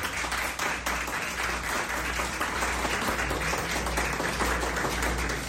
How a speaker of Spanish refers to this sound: Entonces, pues vamos a darnos un aplauso todos porque es proyecto de todos.